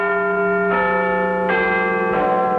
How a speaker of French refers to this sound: Le 31 mai 1859, pour la première fois, la fameuse cloche de Big Ben donne l'heure à Londres. Sa sonorité très particulière provient d'une fissure apparue 2 mois après son installation officielle. La BBC diffuse le son de Big Ben depuis 1923.